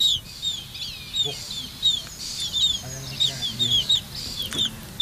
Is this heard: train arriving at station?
no